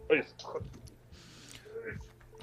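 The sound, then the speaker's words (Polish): A brief plasticky clatter as something is dropped onto a computer keyboard lying flat, rattling keys for a moment amid voices talking before and after. “Nie, ale serio, trzymam ją maksymalnie luźną nad płasko położoną klawiaturą.”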